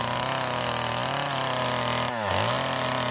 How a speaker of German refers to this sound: aber jetzt gibt's ehrliche Handarbeit, Kettensägenarbeiten.